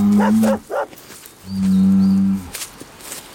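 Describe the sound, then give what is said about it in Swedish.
A bull moos twice: a short, wavering low call, then after a pause a longer, steady, deep drawn-out moo that fades away. Nobody speaks. “Bakom muren står en tjur.”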